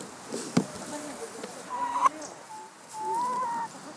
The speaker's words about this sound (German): Verdauungsspaziergang durchs Hühnergehege.